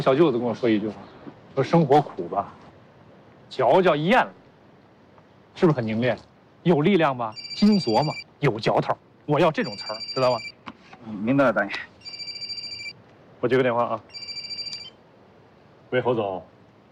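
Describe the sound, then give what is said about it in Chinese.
An electronic phone ringtone chimes in repeated bright, steady bursts, sounding several times in a row while people keep talking over and between the rings. “我接个电话啊。”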